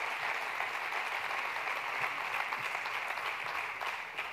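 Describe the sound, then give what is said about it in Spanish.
Steady applause from an audience as two guests are invited onto a stage, one the newly elected hermano mayor of the Hermandad Matriz Juan de los Santos Cano: a dense wash of many hands clapping at once, fairly loud and sustained without pause, with no voices standing out. “Así que fuerte el aplauso”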